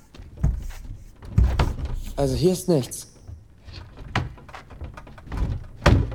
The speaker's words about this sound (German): Aber sie sind mit Holz vertäfelt. Vielleicht kann man einige Bretter bewegen. Komm, wir klopfen mal alles ab. Vielleicht klingt etwas hohl.